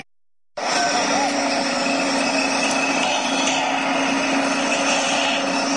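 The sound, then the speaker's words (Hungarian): Construction site noise at the half-finished Pressburger house in Miskolc, Hungary: after a brief silence, power tools and sawing start and run continuously, loud, with a steady whining, grinding drone. “Építkezés hangjai.”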